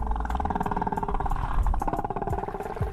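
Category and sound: animal, whale calls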